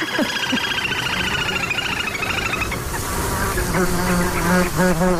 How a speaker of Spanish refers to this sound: ese zumbido como un poco desquiciante, que son los insectos, los mosquitos